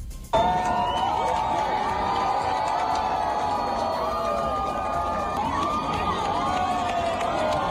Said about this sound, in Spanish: Estos eran los gritos de emoción de las cientos de personas que observaron el eclipse total desde el puente de piedra de Zaragoza.